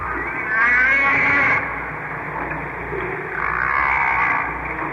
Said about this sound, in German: Auch andere Wale machen Geräusche unter Wasser. Buckelwale zum Beispiel. Sie singen. Hört mal.